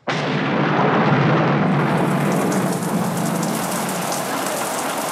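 A sudden downpour of heavy rain begins almost at once and pours steadily and loudly, with a deep rolling rumble of thunder underneath. No voices are heard.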